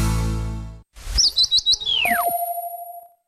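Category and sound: bird, birds chirping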